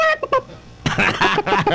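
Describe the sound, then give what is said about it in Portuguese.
A voice mimics a clucking chicken: a few short, pitched clucks, a brief pause, then a louder run of rapid, choppy clucks that fills the rest of the moment. “Olha essa. Essa galinha aí”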